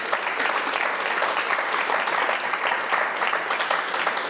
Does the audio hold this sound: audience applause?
yes